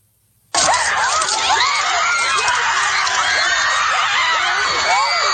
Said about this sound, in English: Howling for blood. Screaming in hatred.